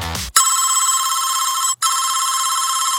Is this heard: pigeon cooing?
no